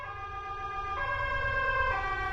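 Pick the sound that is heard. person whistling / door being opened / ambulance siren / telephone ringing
ambulance siren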